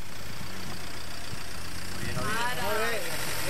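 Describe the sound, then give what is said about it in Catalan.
A car engine idles with a steady, low rumbling hum throughout, and a person's voice starts speaking over it during the second half. “Stop, fora cotxe, mula.”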